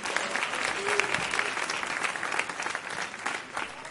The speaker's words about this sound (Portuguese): Aleluia, vamos receber o servo do Senhor com palmas de vitória.